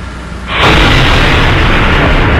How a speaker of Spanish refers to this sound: Esta madrugada, uno de los ataques fue ejecutado con un coche bomba que destruyó al menos 6 viviendas.